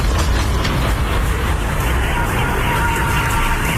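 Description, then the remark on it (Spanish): A Ukrainian long-range drone attack on an oil refinery in the Russian city of Saratov, heard as a loud, steady engine roar with a faint high whine running through it, continuous for the whole stretch with no breaks or distinct blasts. “Es el sonido de los ataques y horas antes estos ataques con drones ucranianos dejaban al menos 12 muertos y 7 heridos en la ciudad rusa de Belgorod.”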